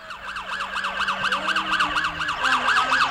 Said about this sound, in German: Hörst du das? Ist das die Polizei? Schau mal da, das ist das Polizeiauto.